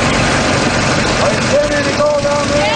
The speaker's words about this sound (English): The hose acts as a vacuum and sucks up sediment into a box on top of the dredge. Then the miners sift through it, looking for gold. Here's what it sounds like.